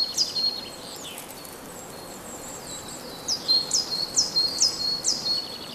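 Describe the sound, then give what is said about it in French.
Birds chirp and twitter, with a run of five or six quick, bright rising notes in the second half over a soft, steady outdoor hiss. “Autour de ces gens anciennes, et qui est le garde-à-manger des oiseaux qui gazouillent aux alentours.”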